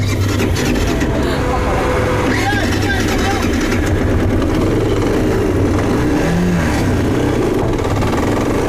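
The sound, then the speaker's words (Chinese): A three-wheeled motorcycle with a sidecar runs its engine steadily and loudly on a muddy road, its low rumble rising and falling as it revs, with indistinct talking mixed underneath throughout. “因为三轮摩托比两个轮子的摩托更难开一些，右边的这个边斗起到一定的配重的作用，如果上面坐了人的话，这个边斗这个两摩托开的会更稳一些，尤其在这种泥泞的这种稀泥路上面。”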